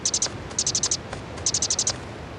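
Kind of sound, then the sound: bird, bird chirping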